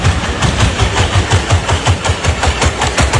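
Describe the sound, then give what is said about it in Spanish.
A humanoid robot runs at the robot games held in China, with rapid, evenly spaced thudding footfalls, roughly five per second, over a loud, steady mechanical whir like a spinning motor. No one speaks. “Esto es el robot corriendo, ¿eh? Esto no es otro tipo de máquina de edición.”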